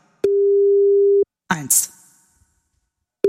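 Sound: phone call ringing tone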